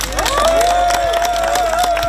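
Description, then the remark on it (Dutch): A crowd claps in a steady, dense wash of applause for the winner of a culture prize, with cheering and a long sustained whistle ringing out over it, fairly loud throughout. “Dus een heel erg hartelijk applaus”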